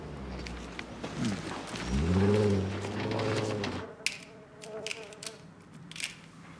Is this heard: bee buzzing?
yes